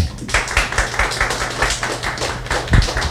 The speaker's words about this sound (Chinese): 现在是不是请云朵老师先开场，大家给他掌声。